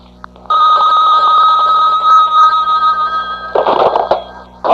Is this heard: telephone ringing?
yes